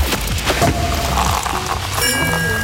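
The cork of a bottle of Nymphenburg Sekt (German sparkling wine) pops with a sharp burst, followed by a steady fizzing, bubbling hiss that runs throughout; a faint tonal chime rises near the end.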